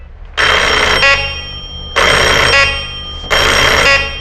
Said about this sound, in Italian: Devo far aggiustare sto campanello maledetto che fa sempre dei versi.